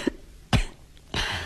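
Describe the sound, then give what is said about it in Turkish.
A few dry coughs from one person whose cough is said to have eased: a short one, a sharper burst, then a longer raspy cough trailing off, with no talking. “Bak hafifledi öksürüğü.”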